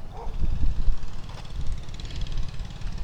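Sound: wind noise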